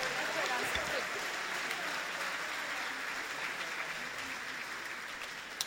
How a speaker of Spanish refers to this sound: Un aplauso para Él, bendito sea el Señor. Gracias le damos.